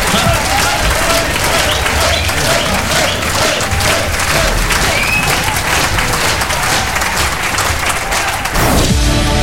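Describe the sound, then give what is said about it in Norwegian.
Loud, sustained applause from an audience for a dance band after an evening's performance, dense clapping filling the whole clip, with a few faint whistles and cheers mixed in; it changes character briefly just before the end. “Ja da, gi din ekstra applaus til dansebandet for en fremragende kveld.”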